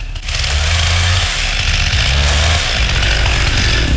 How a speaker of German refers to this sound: Boah, paar gezielte Schläge noch. Dann nochmal die Kettensäge.